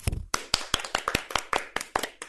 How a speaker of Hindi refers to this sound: बहुत अच्छी कविता सुनाई आपने, बच्चों इनके लिए तालियां हो जाए।